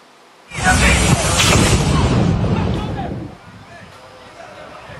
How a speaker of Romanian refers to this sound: Tragedie pe un teren de fotbal, un trăsnet a lovit gazonul în timpul unui meci într-un turneu din Asia de Sud-Est.